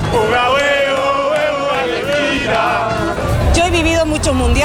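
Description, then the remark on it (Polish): A crowd of several thousand Argentine football fans chants loudly in unison in Times Square, in the rain and under police supervision, the massed voices rising and falling in a sustained, rhythmic song that fills the whole stretch without pause. “Deszcz nie przeszkodził jednak wczoraj argentyńskim kibicom, którzy dosłownie opanowali Times Square. Kilkutysięczny tłum doskonale bawił się pod nadzorem policji.”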